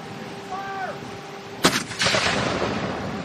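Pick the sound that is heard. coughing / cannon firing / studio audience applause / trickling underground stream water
cannon firing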